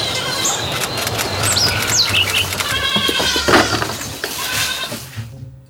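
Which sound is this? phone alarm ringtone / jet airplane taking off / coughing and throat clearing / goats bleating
goats bleating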